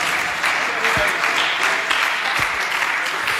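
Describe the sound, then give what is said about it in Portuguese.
A church audience claps for Jesus steadily and loudly throughout, a dense, continuous wash of many hands, with a few voices briefly calling out beneath the applause. “Pode bater as palmas para Jesus, igreja.”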